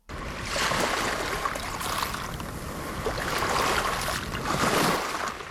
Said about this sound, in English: A short boat ride from the mainland, Gari, formerly known as Fraser Island, is one of Queensland's 5 World Heritage listed sites.